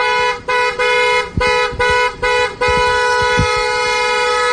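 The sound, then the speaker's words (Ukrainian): Loud bus horns from four arriving buses, carrying people returning home in an exchange, honk in a rapid series of short blasts, then merge into one long sustained honk, with low traffic rumble underneath and no one speaking. “Ми завжди чекаємо на ці автобуси. Сьогодні їх 4.”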